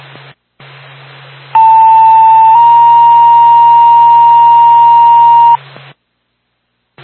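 Two-tone dispatch paging for Barnett EMS over a radio: a loud steady tone holds for about a second, then shifts to a slightly higher pitch for roughly three seconds, framed by band-limited static and a low hum.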